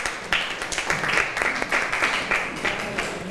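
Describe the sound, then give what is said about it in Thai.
Students in a classroom clap together for a classmate at the teacher's request, a steady patter of many overlapping claps lasting a few seconds at moderate loudness, with no talking. “ค่ะสอเสียงปรบมือให้เพื่อนหน่อยค่ะ”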